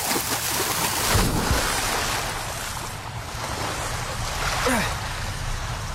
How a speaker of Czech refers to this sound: Nepouštěj se doprostřed řeky, rybáři! Vesluj ke břehu! Nejde to! Prout mě strhává k vodopádu!